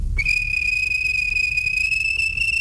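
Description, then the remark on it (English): A railway guard blows a whistle at a station: a single long, shrill blast starts almost immediately and holds a steady, piercing pitch to the end, over a low background rumble. “The guard blew his whistle.”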